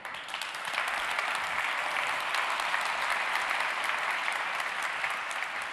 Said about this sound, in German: Einen großen Applaus bitte